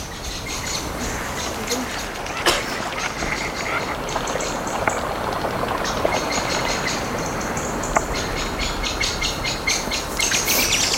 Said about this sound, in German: Oh, die Amsel.